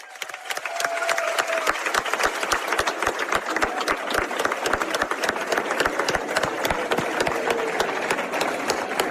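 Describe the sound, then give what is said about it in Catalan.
A large audience at a town festa major celebrating the 30th anniversary of the Pirates i Premianencs breaks into sustained applause, dense overlapping claps filling the space at steady loudness, with a few faint cheers mixed into the crowd noise. “Per tota la gent que ha fet possible la festa durant aquestes 3 dècades, sisplau, un fort aplaudiment.”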